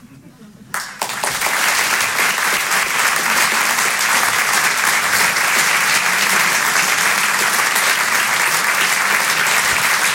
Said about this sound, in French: Merci beaucoup. Merci d'applaudir très fort Emmanuel Baudin.